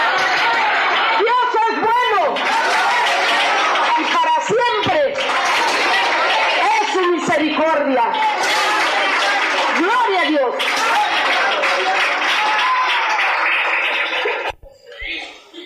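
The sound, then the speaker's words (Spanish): A church audience breaks into loud, sustained applause for the Lord after a healing testimony, lasting about fourteen seconds, with excited voices shouting and cheering over the clapping before it cuts off abruptly. “¡Otro aplauso al Señor!”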